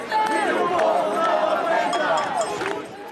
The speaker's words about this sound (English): Shaking keys to homes they say they can barely afford.